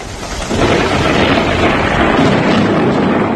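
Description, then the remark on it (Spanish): A loud, deep thunder rumble during a Saturday morning storm with lightning, showers and hail in the province of Alicante swells in after a brief moment and rolls on continuously, with a broad roaring texture that may include rain. No voices are heard. “En cuanto al tiempo, sábado marcado por los relámpagos, truenos, chubascos y granizo en varias comarcas de la provincia.”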